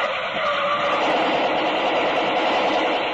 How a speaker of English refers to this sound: The car approaching was coming at top speed. Didn't slow down as it neared the roadblock. Here they come!